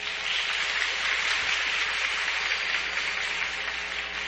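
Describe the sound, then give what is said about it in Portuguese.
An audience at the Padroeira 2026 festival claps steadily for a few seconds for the festival's organizers and helpers, a dense, even patter of many hands with no voices on top, holding at a moderate level throughout. “Para ele, as nossas palmas.”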